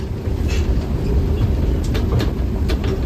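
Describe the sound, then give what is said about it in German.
A train on the reactivated Ablachtalbahn line hums with a steady low rumble at the station in Stockach on a Sunday morning as day tourists board, with scattered metallic clicks and brief high squeaks from the carriages. No one speaks. “Es ist Sonntagmorgen am Bahnhof in Stockach. Viele Tagestouristen steigen ein.”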